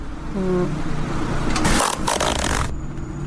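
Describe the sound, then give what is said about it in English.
A zipper is pulled up in one quick, rasping sweep lasting about a second, bright and fairly loud, after a brief low hum and a moment of quiet background noise. “Mine wouldn't take 1 second to zip up.”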